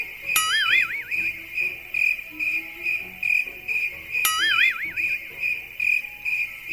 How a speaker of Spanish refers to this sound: Espera, amigo Peneca, que termine los grillos de cantar.